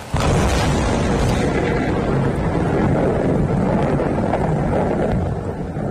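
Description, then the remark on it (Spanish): A thunderstorm with wind at the Peñas de Riglos rocks in Aragón, Spain: a loud, steady roar of gusting air blankets the whole stretch, with deep low rumbling underneath and no voices. “Como si fuera una coreografía de la naturaleza, las tormentas han dejado en las últimas horas esa furia particular que tienen contra el fuego de las peñas de Riglos.”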